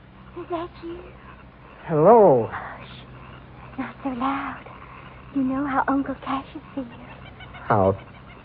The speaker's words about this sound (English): The bird called. I better answer.